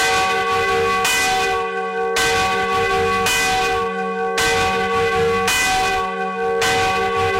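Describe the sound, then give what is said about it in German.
The Anna bell of the Schlosskirche in Lützschena, a district of Leipzig, Germany, rings steadily, its strikes arriving about once every second and a half, each one blooming into a rich, sustained hum of overtones that never fully fades before the next. “Und da geht's zur Annenglocke. Die läutet in der Schlosskirche im Leipziger Stadtteil Lütschena.”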